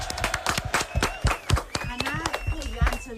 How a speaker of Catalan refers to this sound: Molt bé. Un aplaudiment per a aquests pares, eh?